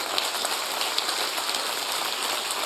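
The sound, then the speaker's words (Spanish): A crowd claps in praise, many hands blending into a dense, even patter like rain that holds at a constant level throughout, with no voices. “Alábele con sus palmas.”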